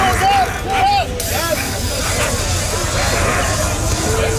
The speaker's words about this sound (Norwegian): Her hører vi politiet I Paris spraye tåregass mot demonstranter. Politiet de presser på med skjold mot folk I gatene, og disse skoledemonstrasjonene har jo spredt seg til flere byer.